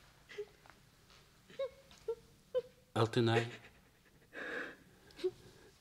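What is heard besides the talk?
girl crying and sobbing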